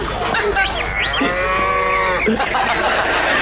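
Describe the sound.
A person imitates a cow with one drawn-out, steady moo lasting about a second, fairly loud, after some brief vocal sounds and background noise.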